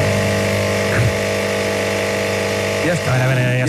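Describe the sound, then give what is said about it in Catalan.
An intonarumori, a wooden-box noise instrument created by Italian Futurists, drones with a loud, steady mechanical buzz like an idling engine, bending in pitch briefly near the start and again toward the end. “Evidentment, això també arriba amb la música i van haver uns italians futuristes que van crear el que es considera el primer sintetitzador de la història, que és aquest instrument, es deia, atenció, intona rumori.”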